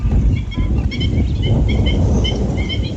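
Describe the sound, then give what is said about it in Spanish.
A busy chorus of waterbirds at a lagoon calling over steady low rumble, with many short honking and chattering calls overlapping throughout, no voices present. “Para el visitante que llega con unos prismáticos o un telescopio, el verdadero protagonista es otro, el movimiento constante de las aves.”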